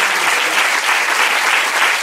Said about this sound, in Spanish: Cuando dice amén, fuerte ese aplauso, si es para él.